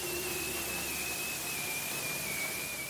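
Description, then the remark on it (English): A bearded seal's spring mating call in Arctic waters: one long, high whistle that slowly glides downward, like a falling bomb, sustained over a steady hiss of underwater noise. “That strange whistle, like a falling bomb, is the mating call a bearded seal makes in the spring, love bombing his potential mate, if you will.”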